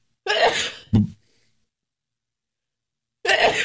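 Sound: sneeze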